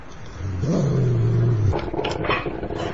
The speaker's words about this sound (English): Oh, hello. You're nice, aren't you? Yeah. Nice and bouncy and sort of... Yeah. What's it called? It's a dog.